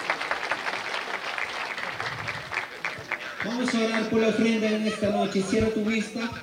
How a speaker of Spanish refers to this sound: Vamos a dar un fuerte aplauso al Rey de Reyes y Señor de Señores en esta noche.